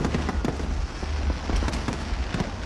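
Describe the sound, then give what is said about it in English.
A fireworks display at Brisbane's annual River Fire fireworks festival over the Brisbane River booms and crackles continuously, with repeated sharp bursts over a dense, rumbling wash of explosions and no voices. “Queenslanders packed the banks of the Brisbane River last night, gathering for the annual fireworks fiesta.”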